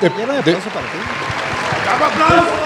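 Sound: studio audience applause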